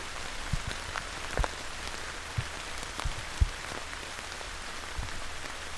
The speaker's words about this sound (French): Lorsque la pluie tombe à grosses gouttes, j'ai une belle occasion de dévoiler la végétation autour de moi.